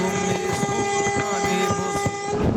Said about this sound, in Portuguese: Ó, não é só, ó, é caminhoneiro, é taxista, é todo tipo de gente buzinando.